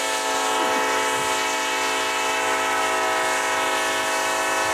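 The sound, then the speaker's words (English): A coal train sounds loud, with a dense, steady horn-like blare held for several seconds over a low rumble. There is no talking. “And okay, so would you rather every time you laugh sound like 600 trombones, or every time you fart sound like a coal train?”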